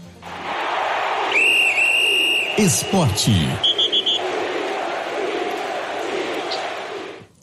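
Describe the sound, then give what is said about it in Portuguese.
A long, shrill whistle blast rises over steady crowd noise, followed by a quick series of short high beeps while a voice briefly speaks; the crowd murmur continues after. “Coloca aí, o ouvinte gosta de ouvir esse apito.”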